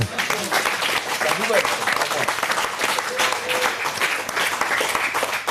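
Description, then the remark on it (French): Steady applause from an audience fills the whole stretch, a dense, even patter of many hands clapping, with a few voices faintly audible beneath it. “Et ça, c'est plutôt une bonne nouvelle que je vous demande d'applaudir.”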